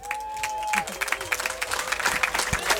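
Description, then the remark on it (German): An audience applauds steadily, many hands clapping in a dense, crackling patter that stays fairly loud throughout, with a brief high whistle-like tone near the start and faint crowd murmur underneath, welcoming musicians at an evening event at Sebelibum. “Herzlichen Applaus, meine Damen und Herren, liebe Menschen”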